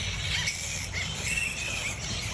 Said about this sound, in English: If you've lived near a colony of flying foxes, you'll well know this noise.